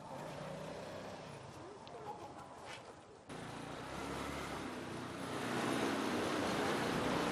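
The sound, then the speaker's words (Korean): A small three-wheeled truck loaded with bought goods rumbles steadily, its engine noise thickening and growing louder as it drives off toward a restaurant where mules wait, with faint voices in the background early on. “노새들이 기다리고 있는 식당까지 짐은 3륜차로 먼저 보내고”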